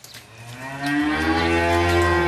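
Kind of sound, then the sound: animal, dairy cows mooing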